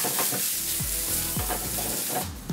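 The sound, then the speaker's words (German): Food sizzles steadily in a frying pan, a dense crackling hiss, with a few low clanks and scrapes like utensils stirring in the pan. “Wir wählen erstmal in der Pfanne kurz.”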